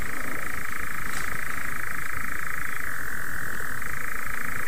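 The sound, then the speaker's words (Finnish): A dense, steady chorus of moor frogs croaking together at 2:34, a continuous bubbling drone that fills the whole stretch with no pauses and no voices. “Kello on kuitenkin 2:34 ja en ole näin komeata viitasammakon kurnutusta kuullutkaan hetken.”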